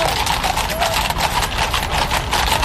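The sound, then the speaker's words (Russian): Hooves of a trotter horse at a trot beat in a quick, steady rhythm, fairly loud, over a dense, noisy background rumble. “Рысью бегают именно рысаки.”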